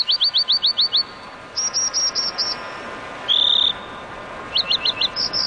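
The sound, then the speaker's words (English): American dipper calls: sharp, high buzzy chirps in quick bursts of several notes, plus one longer drawn note, standing out clearly over a steady rushing background. “So, if one day, as you muse by a mountain stream, you spot an American dipper bobbing and winking in your direction, don't take it personally.”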